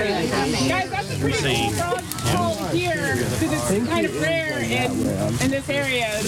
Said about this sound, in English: As the sky turns dark and the barely worn path is lit up by headlamps, more and more frogs start to sing. Cricket frogs, bullfrogs, and even the bird-voiced tree frog all add their songs to a growing chorus.